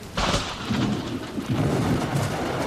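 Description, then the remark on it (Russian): A sharp crack of thunder bursts in loud during a thunderstorm, then rolls into a deep, sustained rumble over the steady hiss of heavy rain. No voices. “Хотя гром трещал по-прежнему, и молния полосовала все небо.”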